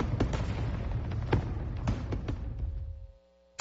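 Fireworks crackle and pop in a dense, continuous barrage, with several sharper bangs standing out, before the noise cuts off abruptly and a faint tone lingers.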